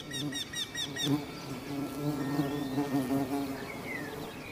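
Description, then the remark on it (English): A steady, continuous buzzing of several bees, their droning hum rising and falling as they move around the blossoms of old apple orchard trees near a bee hotel, with faint chirps and trills of birds in the background. “The old orchard trees have catered to generations of bees and depend on their services.”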